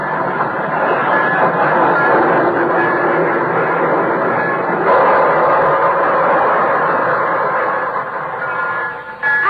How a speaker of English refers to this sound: So try Johnson's liquid wax from Racine, Wisconsin, and Brantford, Canada, where the Toronto one is just pulling in from, on track 6.